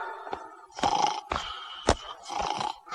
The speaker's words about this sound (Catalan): S'hi està roncant!